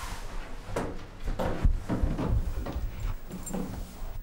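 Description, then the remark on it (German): Clatter of the door of a small transport box holding two young coatis being opened in a hallway: a few sharp plastic clicks and rattles spread over a few seconds, with no voices. “Ja, einfach hinstellen und nur die Tür aufmachen, dann kommen sie vielleicht freiwillig raus.”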